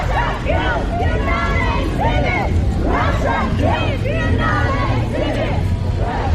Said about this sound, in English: Pussy Riots descend on the Russian pavilion. They're dressed all in black, apart from their bright pink balaclavas. The women start punching the air and shouting in protest at Russia's return to one of the biggest art events in the world.